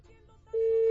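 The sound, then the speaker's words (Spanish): After a quiet, murmuring start, a loud, steady electronic tone suddenly begins and holds to the end, an incoming WhatsApp call ringing through a phone. “Pues a ver, ya entró, ojalá que sí.”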